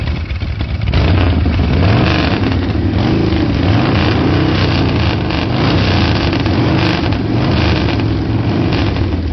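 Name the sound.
motorcycle engine running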